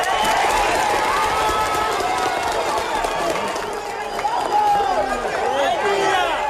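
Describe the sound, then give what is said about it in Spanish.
Rescuers and volunteers cheer and applaud loudly and steadily as a life is saved from the rubble about 40 hours after a devastating earthquake, with many overlapping shouting voices rising and falling in pitch over a continuous wash of clapping and commotion. “A cada vida salvada le suceden aplausos y vítores 40 horas después de un terremoto devastador”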